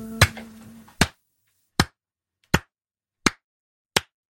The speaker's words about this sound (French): On appelle ça du slow hand. On applaudit pour le respect.